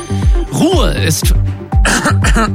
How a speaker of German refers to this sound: Kurzer Räusperer.